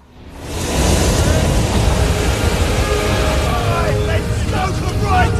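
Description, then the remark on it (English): The Titanic's huge reciprocating steam engines, three decks tall and producing 70,000 horsepower, roar steadily, a dense, loud mechanical rumble with a churning rhythmic pulse and faint metallic whines rising near the end. “These are the huge engines. They're the biggest reciprocating engines ever built.”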